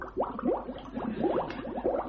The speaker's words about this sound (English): That's him drowning.